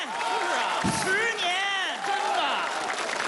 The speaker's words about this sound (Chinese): 这个掌声主要是给您的。